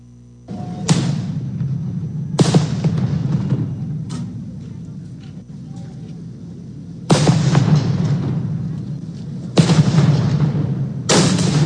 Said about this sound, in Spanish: Vamos ahora con, lanzan petardos hacia las instalaciones del 27 Batallón de Infantería en Iguala. ¿Qué pasó ahí?